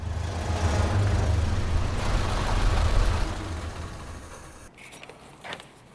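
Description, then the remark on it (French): A police car's engine rumbles low and steady as it pulls up and idles after turning onto Canyon Road in Georgetown, then the sound eases off and a couple of brief clunks follow near the end. “On a vu une voiture de police à Georgetown. Elle vient de tourner sur Canyon Road.”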